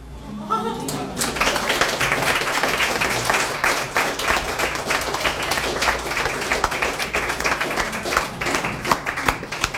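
An audience bursts into sustained applause after a poem is read, many hands clapping in a dense, steady wash that starts abruptly after a brief quiet moment and continues at full strength throughout.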